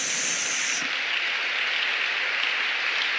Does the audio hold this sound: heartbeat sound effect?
no